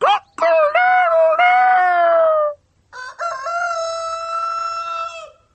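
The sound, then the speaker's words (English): A rooster crows twice, two loud, drawn-out cock-a-doodle-doo calls, the first rising and wavering, the second steadier, with a short pause between them. “I am a cook, a farmyard cook. How do you doodle-do? Cook-a-doodle-do!”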